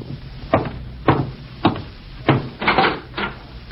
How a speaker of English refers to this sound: And I'm getting cleaned up before going out to meet my FBI contact, when I'm interrupted by a knock at the door.